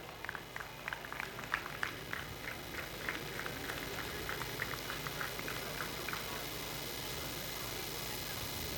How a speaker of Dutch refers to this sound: Goed, dames en heren, wij gaan alle spelers vandaag die gespeeld hebben en hun trainers naar voren halen in de volgorde van de uiteindelijke stand. Ik wil graag uw applaus hebben voor nummer 16, het team van KVC Westerlo.